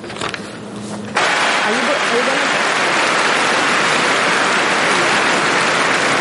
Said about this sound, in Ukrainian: Ці оплески в Парижі для України і її перших ракеток Еліни Світоліної і Марти Костюк, які вперше в історії увійшли до чвертьфіналу одного з найпрестижніших тенісних турнірів планети.